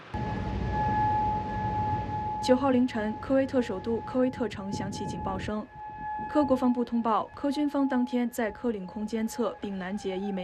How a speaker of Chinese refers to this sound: 9号凌晨，科威特首都科威特城响起警报声。